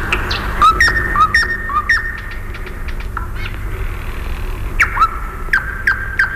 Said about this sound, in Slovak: Tie slávičie trílky sú ako schody do výšav. Nesú nás stále vyššie a vyššie. Možno, že sú to schody do neba.